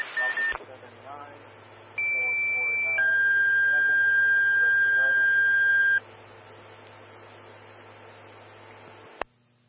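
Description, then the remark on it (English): Fire dispatch alert tones for Engine 132 of Grand Fire Station 2, called to a lift assist, blare over a radio channel: a single steady tone for about a second, then a loud sustained two-pitch tone for several seconds, with faint radio chatter underneath. “132, stand by for tones on a lift assist.”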